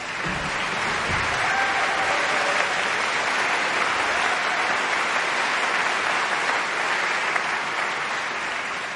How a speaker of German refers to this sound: Applaus für den geilsten Chor der Welt. Und Applaus für die Luxus-Schiffskapelle mit ihrem dürren Genten.